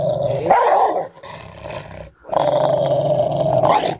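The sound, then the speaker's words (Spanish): A dog growls in low, rumbling bursts with sharp snarling barks, loud, pausing briefly before a longer sustained growl resumes. “No es para atemorizarte, pero si un día andás caminando por una calle desconocida y se aparece un perro que te ladra y se te acerca cada vez más hasta morderte la pierna, Dios no lo permita,”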